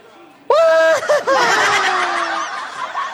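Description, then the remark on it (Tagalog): A chicken suddenly bursts into loud clucking after a brief quiet moment, letting out several rapid, squawky calls that run together and carry on until the end. “Kay iso ang manok namon, ginputos siyang damang ni tatay.”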